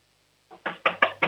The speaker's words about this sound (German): Okay, dann lauf jetzt mal zur Tür und klopf mal volle Kanne an. Wir wollen es richtig bumpern hören hier im Radio.